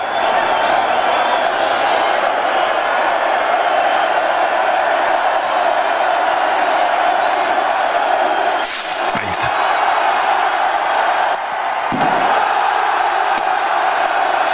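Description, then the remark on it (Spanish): A large festival crowd in the Plaza del Ayuntamiento of Pamplona roars and cheers continuously at the start of the San Fermín festival on 6 July, broken by the sharp blast of the chupinazo rocket partway through, then a brief dip before the cheering surges on, with another fainter bang later. “Ahora deberá sonar el estallido del chupinazo.”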